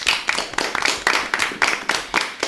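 Audience applause for Team A earning 10 points at the end of the first round, Mission Ozone, of a team competition: a steady burst of hand claps in a fairly regular rhythm, loud and bright, with no voices over it.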